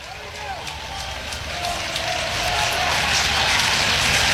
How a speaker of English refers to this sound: Crowd urging Yasa through this one.